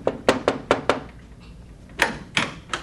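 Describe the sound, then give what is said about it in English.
Someone knocks on a door: four quick, solid raps, a short pause, then three more, crisp with no voices. “A year went by, and one day there was a knock at my door.”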